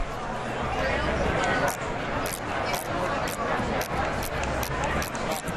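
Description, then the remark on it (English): A refreshable braille display with dot cells refreshing while scrolling through the main menu: a quick, irregular run of crisp mechanical clicks, about a dozen, heard over a steady murmuring background hiss. “I'll go ahead and show what it sounds like to kind of refresh the display here.”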